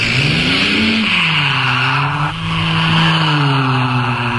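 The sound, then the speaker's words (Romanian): A loud car engine roars and revs as tires squeal, the pitch dipping and rising while the vehicle speeds away in one continuous burst. “Atențiune, mașinile! Cu toată viteza înainte!”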